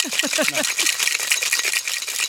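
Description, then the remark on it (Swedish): A cocktail shaker holding ice and freshly pressed lemon juice is shaken hard in a fast, steady rhythm, the bright clatter of cubes continuous for a couple of seconds, with brief voiced sounds at the start. “En shaker, är det A och O i varje hem, tycker du?”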